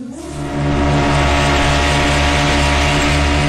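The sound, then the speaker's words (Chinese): Assault boats speed in rapid formation across water during a comprehensive emergency rescue drill in Wenzhou, Zhejiang Province, China. A loud, steady engine roar swells in the first half-second, then holds a constant droning hum with broad rushing noise. No voices. “水上冲锋舟快速编队，水面机器人与重载无人机配合实施施救。”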